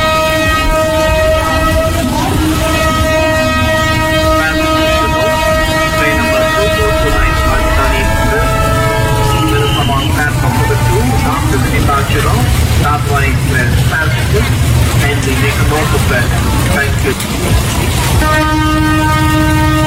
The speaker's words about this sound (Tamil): பரவாயில்லங்க, ட்ரெயின் ஸ்டேஷன்ல தானே நிக்குது.